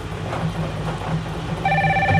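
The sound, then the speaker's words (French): A telephone starts ringing near the end, a bright electronic trill that cuts in clearly over a low, steady background hum, announcing a full card in a card game. No one speaks. “Alors, le téléphone sonne, on cherche la carte pleine sur les feuilles de couleur bleue”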